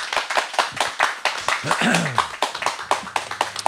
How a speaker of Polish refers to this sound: a ja poproszę zgromadzonych Państwa o brawa dla naszego gościa.